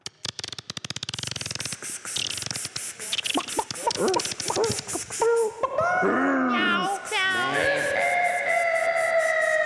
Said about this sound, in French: Oh non. Jingle.